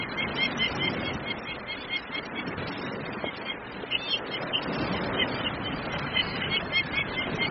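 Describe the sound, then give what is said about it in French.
Harsh, raspy peregrine falcon calls during a courtship display, in which the male dives very fast at the female and changes direction at the last moment, repeat in quick succession throughout, loud, over a dense outdoor background with no one speaking. “Donc le mâle, pour parader, il va foncer à 300 km/h.”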